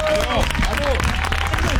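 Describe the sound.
Steady audience applause, a dense wash of many hands clapping throughout, with a few voices and brief whoops mixed into the crowd noise.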